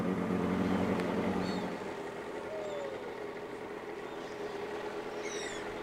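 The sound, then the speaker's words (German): A motorboat engine drones steadily on a lake, a low hum with a constant rushing wash that eases slightly after two seconds, while faint high chirps flicker above it. “Und jetzt mit dem Boot, das ist total schön.”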